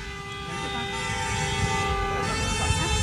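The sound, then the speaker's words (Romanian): Sustained car horns blare loudly over steady traffic noise, several horns overlapping in a continuous honking chorus for the whole stretch, from drivers, including in a Duster, a Volvo and a Fiat, waiting at the traffic light at the intersection of Bulevardul București and Unirii in Baia Mare, honking on cue for Radio Zoo. “Mulțumim pentru claxon, doamnă.”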